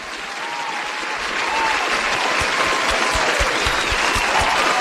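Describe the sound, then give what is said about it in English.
An audience claps loudly and steadily for the three-time champion on NBC's Real People Playoff, dense applause that swells after the first second or so and then holds at full strength, with a few sharper individual claps standing out near the end. “Let's give her a round of applause.”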